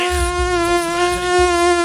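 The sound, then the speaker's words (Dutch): A mosquito's high, steady whine drones continuously, its thin buzzing tone holding level with slight wavers in pitch throughout. “Daar hebben we een stuk minder muggen in Nederland volgens de Wagen.”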